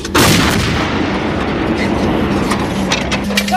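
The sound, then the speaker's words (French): A French artillery gun in Estonia, set to fire at a short range of 7 km, fires a single booming shot, a sharp blast that rolls straight into a long, heavy rumble filling the rest of the moment with no talking. “Notre pièce attend l'ordre de tir de notre poste de commandement de batterie.”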